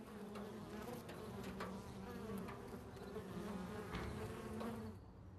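A steady, dense drone of many honeybees buzzing together outdoors in a sunflower field of over ten thousand mu on a plain in July, with individual bees occasionally humming louder as they pass, continuous throughout and no voices.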